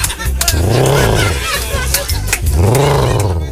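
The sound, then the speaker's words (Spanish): A voice imitates a concrete mixer's engine struggling to start, making two loud, buzzing groans that rise and fall in pitch with a short break between them. “No, no, ¿sí has visto cuando la... la concretera no quiere prender?”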